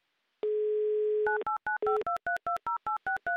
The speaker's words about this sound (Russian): Набран номер телефона